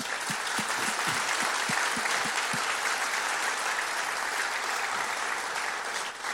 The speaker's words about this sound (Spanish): Yo quiero quiero que le demos un aplauso, lo sugieres.